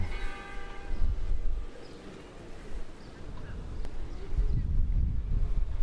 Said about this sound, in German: weil natürlich diese alten Stadträume gar nicht für Autos ausgelegt sind und darum sehe ich hier auch keins. Doch, ein Lieferwagen.